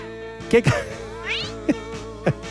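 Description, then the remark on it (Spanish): A cat lets out a drawn-out, rising meow near the middle, amid a few short thuds and a steady tonal hum in the background. “Gato, ¿estás enojado?”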